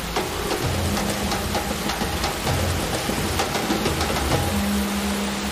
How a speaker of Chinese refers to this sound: 我们的淋浴实验室呢，它也是模拟大自然，就是每分钟10毫米，就跟着我们的大暴雨一样，说白了就是类似于下雨的大暴雨那种天气一样，就是要考核我们的枪械在那个环境下它的机构动作啊、性能的这些不得到衰减